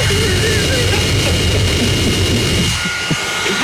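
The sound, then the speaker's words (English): A loud, steady engine roar with a broad rushing hiss and a faint high whine from a newly bought leaf blower running, easing slightly near the end. “We've got a leaf blower.”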